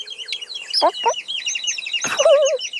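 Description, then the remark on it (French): A mother hen clucks a few times while her brood of chicks, following behind her, peeps constantly in rapid, high chirps all around her. “La maman poule arrive et derrière elle, il y a tous les frères et sœurs du petit poussin jaune qui la suivent à la queue leu-leu.”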